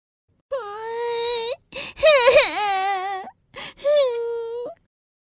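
A high, tearful voice, the character Nini, cries and wails in three drawn-out sobbing bursts with wavering pitch, fairly loud, with no words spoken.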